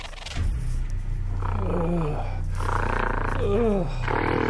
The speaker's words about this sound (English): When I awake, a gorilla in a cage next to me is growling and grunting in scat and in pee.